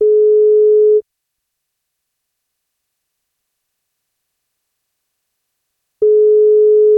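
A telephone ringback tone heard while a call is being placed for the NFM radio wake-up call: a steady one-second buzz, a long five-second silence, then the same buzz starting again. It is clear and alone, with no voices.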